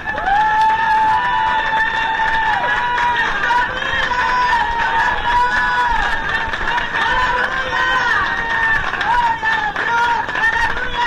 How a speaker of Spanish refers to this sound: Otro aplauso al Señor, hermanos.